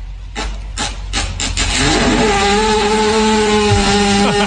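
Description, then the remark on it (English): A horse lying on the ground, which people appear to be giving CPR, passes gas: a few rough, raspy bursts give way to a long, loud, buzzing low-pitched rumble that holds steady for several seconds, with no voices. “That was a fart? Yeah, the horse is laying on the ground”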